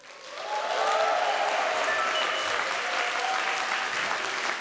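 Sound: audience applause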